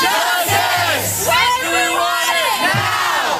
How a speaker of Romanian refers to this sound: Strigătul a sute de studenți indignați a răsunat în campusul Universității Cornell. Tinerii cer demisia conducerii pe care o acuză că a perpetuat și ascuns sub preș o cultură a violului.